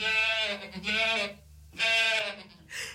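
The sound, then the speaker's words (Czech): A goat bleats loudly several times in close succession, each call a wavering, nasal cry with short pauses between, with no talking. “Kozičku, a to jsi dobře vyměnil. Kozí mlíko jde na krásu.”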